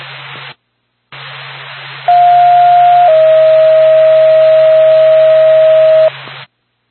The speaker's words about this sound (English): NORPAC Stratford Fire Department. Stand by for tone.